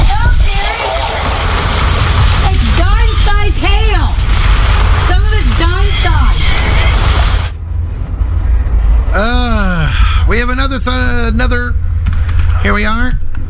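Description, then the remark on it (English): A steady, loud clatter of hail, from pea-sized stones up to half-dollar size, hammering down, a dense roar of hard impacts that fills the first half and continues under voices talking over it. “This is the hail we had here. It started out as pea-sized hail.”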